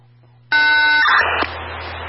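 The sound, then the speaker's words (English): A loud, harsh panic alarm buzzer cuts in abruptly and blares continuously, its steady tone turning rougher and noisier partway through, with no one talking. “Okay, be advised, panic alarm coming off.”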